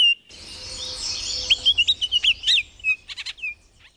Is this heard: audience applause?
no